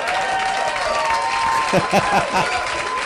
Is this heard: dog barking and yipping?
no